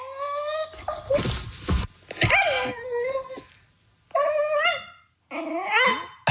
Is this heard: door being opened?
no